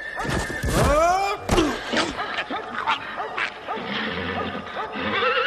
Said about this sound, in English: Suddenly, in the distance, I heard the sound of horse hooves. A horseman came over the hill, down towards the little bridge.